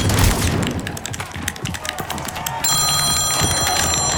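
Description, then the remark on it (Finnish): A mobile phone starts ringing partway through with an incoming call from a mother, a steady high electronic ringtone that cuts in over busy, clattering background noise and keeps going to the end. “Mutsi soittaa.”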